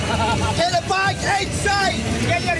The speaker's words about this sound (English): The beers flow, the chants are constant, flags wave out the windows as we drive up Interstate 95.